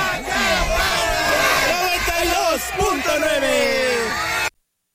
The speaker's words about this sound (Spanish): Eso es todo y nos despedimos de aquí de Xochimilco con el grito de guerra y se dice, aquí suena.